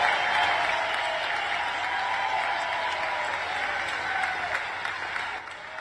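Steady, dense applause from a crowd at a Donald Trump rally, with Natalie Harp clapping, fills the whole stretch, a continuous wash of many hands clapping at once with a few sharper claps popping through, fading slightly at the end.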